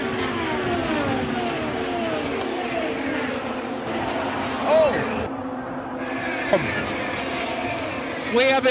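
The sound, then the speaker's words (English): A steady roar of high-revving IndyCar engines whining and sweeping past as a pack of cars runs about five wide into turn three, pitches bending downward as cars pass, while a commentator talks excitedly over the din with a sudden exclamation. “…, there's a gaggle of cars about five wide coming to three.”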